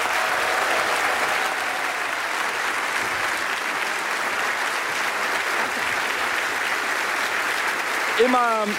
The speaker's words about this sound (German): Sie ist zum ersten Mal dabei. Sie ist Gründerin und Chefredakteurin des Online-Magazins Neue Lausitz. Ein großer Applaus für die Premiere